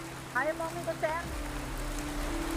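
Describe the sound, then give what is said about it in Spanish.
Heavy, torrential rain pours down on Manila in a steady, dense hiss, lasting for days and flooding the city, with a low rumble underneath and a couple of brief voices rising over it near the start. “Cuando las lluvias torrenciales se prolongan durante días, Manila se inunda.”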